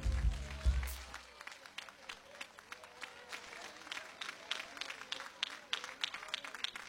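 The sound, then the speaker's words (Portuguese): A church audience applauds for Jesus as a couple is welcomed to sing praise, a dense wash of many hands clapping steadily for several seconds, moderately loud, after a brief low thump at the start. “Vamos dar uma oportunidade para os irmãos, para o casal que vai louvar a Deus, com um aplauso bem forte para Jesus.”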